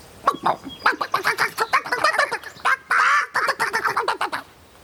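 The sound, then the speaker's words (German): Several chickens squabble in a farmyard, a dense run of agitated clucks and squawks in quick irregular bursts, with one sustained harsh squawk partway through before the flurry of clucking resumes. “Nur hinten auf dem Hof gab es noch etwas Streit, denn das maskierte Huhn hatte doch einfach dem hungrigen Huhn das schöne Butterbrot weggemopst.”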